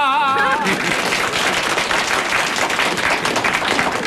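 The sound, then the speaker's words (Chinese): A crowd, with the men in the audience clapping, bursts into sustained, loud applause after a comic song, a dense wash of many hands clapping steadily for several seconds, with a brief sung or spoken tone fading out at the very start. “你看刚才鼓掌的男同胞都有体会。”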